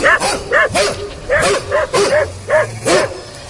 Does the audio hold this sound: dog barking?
yes